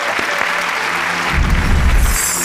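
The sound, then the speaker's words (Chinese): An audience applauds in a steady, dense patter of clapping that runs through the whole stretch and swells louder in the second half, with a low rumble building beneath it, welcoming a traditional Chinese medicine team to the side stage to give an explanation. “那接下来呢，我们的中医战队就到侧舞台给大家具体来做一个讲解，掌声欢迎。”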